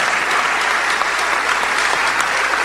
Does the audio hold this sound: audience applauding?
yes